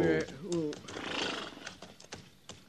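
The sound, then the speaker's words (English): A horse, pulled up to rest in the shade of big rocks near springs, neighs loudly, a shrill whinny that wavers and falls in pitch, followed by breathy snorting and a few faint hoof clicks. “Pull up in the shade of these big rocks. We'll rest the horses a minute, and then we'll head on back to the herd.”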